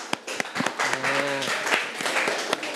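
Classroom applause: students clap for a classmate called up to solve a fractions problem, in quick, uneven bursts for about three seconds at moderate loudness, with a brief voice calling out partway through.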